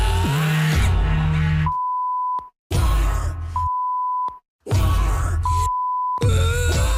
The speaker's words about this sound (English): the only way we can play the song on the radio is if we bleep half of the words.